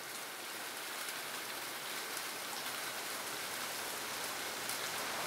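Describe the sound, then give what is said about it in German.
Steady rain falls in a dense, even hiss with fine patter of drops on surfaces, continuous, with no voices. “Wir haben hier die nächste Regenwolke und ich gehe mal.”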